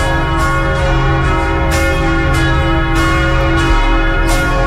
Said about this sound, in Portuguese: Preste atenção, aumenta o volume do rádio. Vamos ouvir os sinos.